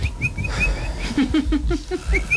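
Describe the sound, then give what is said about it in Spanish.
Someone imitates a small bird, producing a quick series of short, high whistled chirps with a few lower warbling notes in between, fairly loud, with no talking. “Entonces llegó y empezó a hacer como un pajarito.”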